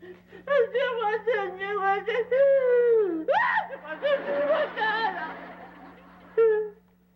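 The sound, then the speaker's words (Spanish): A boy wails and sobs in long, rising and falling cries, loud, with brief catches of breath between bursts and a final sharp cry at the end. “¿Por qué lloras?”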